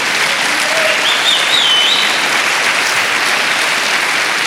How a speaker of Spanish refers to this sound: Alguien dele palmas al Señor por eso.